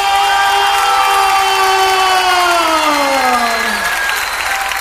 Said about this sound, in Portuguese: E quando eu disser essa frase, dê uma salva de palmas mais forte que você puder dar.